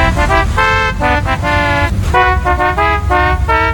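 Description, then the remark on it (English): A loud novelty car horn, programmed at A&M Autoland, blares a melodic phrase, a series of bright harmonic honks stepping through different pitches in a rhythmic tune over low rumbling background noise. “purchase any car and we'll program a novelty car horn with the musical phrase of your choice”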